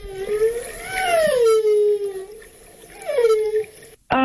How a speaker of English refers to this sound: We might go with the whale. It is a whale. The water in the start probably gave it away, but I thought it might also trick people.